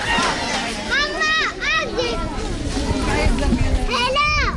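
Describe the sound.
Lively children's voices shout and call out over one another, with high, rising and falling cries standing out above a steady murmur of play that never lets up.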